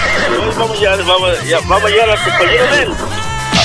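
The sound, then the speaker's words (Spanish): Wavering, whinny-like horse neighs rise and fall over a loud music track with a steady, thumping bass line, the calls repeating through the few seconds and sitting prominent in the mix. “Oiga, creo que lo vamos a llevar para allá y se le van a caer unos relinchos así, igual que el ciudadista, así, así, así.”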